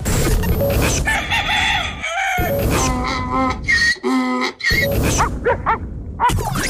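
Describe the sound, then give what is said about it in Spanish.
A rooster crows loudly, followed by a donkey's drawn-out braying and then a dog barking, each animal sound coming one after another, clear with no talking. “Gallo. Ya. Gallo, ya. Check. Burro. Check, burro. Ya. Perro.”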